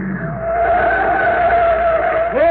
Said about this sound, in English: Hey, what's the car doing? He's coming right out on the field.